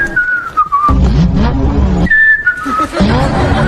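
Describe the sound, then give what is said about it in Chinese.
A voice imitates the engine of a Beijing taxi with a 1.5-litre naturally aspirated, 140-horsepower engine in a pretend race, alternating a high descending whistle-like tone with loud, buzzy, rumbling mouth revs, twice in a row. “哪来的引擎声？”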